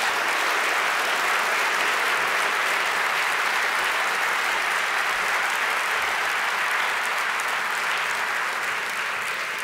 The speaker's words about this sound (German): Und jetzt stehst du erstmal hier, das ist ja sowieso die Hauptsache, mit dem dritten Deutschen Kamerapreis. Einen großen Applaus und herzlichen Glückwunsch